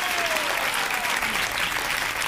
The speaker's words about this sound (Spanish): Semi Carmona, fuerte el aplauso.